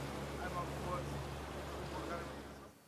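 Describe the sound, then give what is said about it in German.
A motorboat sets off with a colleague aboard; its engine drones steadily with a low, throbbing hum over rushing water and wind noise, holding for a few seconds before cutting off abruptly at the end. “Also darauf würde ich noch mal ein Auge drauf haben und meine Truppe gleich informieren, dass sie noch mal vielleicht jetzt aber mit dem Boot dahin fahren.”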